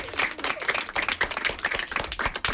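A crowd applauds steadily, many hands clapping in a dense, crackling patter that holds at an even, moderate loudness throughout, with no voices heard.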